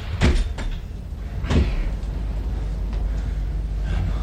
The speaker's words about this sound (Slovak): Rýchlo, zatvorte dvere!